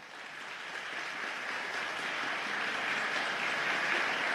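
A crowd applauds steadily for about four seconds, a dense, even wash of clapping that holds at a moderate level without pause, for a person asked to step forward as a list of six is narrowed down. No one speaks over it.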